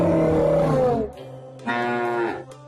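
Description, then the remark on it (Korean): A dairy cow moos twice: a long, loud, droning low call that sags in pitch at its end, a short pause, then a second strong moo that also trails downward. No one speaks. “아하하, 우리 젖소 잘 우네?”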